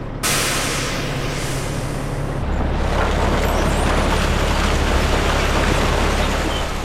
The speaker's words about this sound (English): Together, we tailed a 20-ton coal truck making the rounds. It's frigid February as we follow it to Upper Fruitland near Farmington, New Mexico.